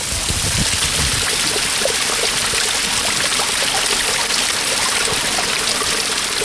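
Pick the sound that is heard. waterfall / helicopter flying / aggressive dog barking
waterfall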